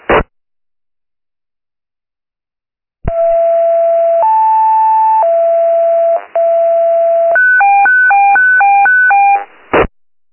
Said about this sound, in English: Tower, Evac 143, standby tones.